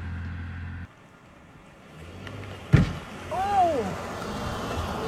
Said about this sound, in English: Here is Smash in action, caught on video. What you're going to hear is a truck driving by, making the mistake of daring to drive by Smash.